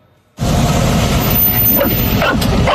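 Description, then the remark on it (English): Several dogs bark and yip in a loud, continuous overlapping chorus on a dog bus in West Fargo, North Dakota, with a few higher whining yelps mixed in and no talking. “But in West Fargo, North Dakota, there's one bus where all dogs are welcome.”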